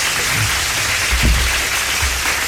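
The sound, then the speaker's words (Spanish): A live audience at the show Rescatando el Rock applauds steadily, a dense wash of many hands clapping at an even, fairly loud level, with a few low thumps underneath and no voices. “Un aplauso, por favor, al público que está en vivo el día de hoy.”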